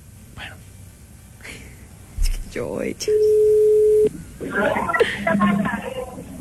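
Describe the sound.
A single steady, mid-pitched ringback tone sounds for about a second on an outgoing phone call, clear and loud, followed by a burst of people talking over the line.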